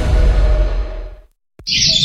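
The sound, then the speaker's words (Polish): A loud, broad rustling whoosh of wind through forest trees fades into a brief silence, then bright, high birdsong chirps over a soft leafy rustle. “Słyszysz ten szum lasu i śpiew ptaków?”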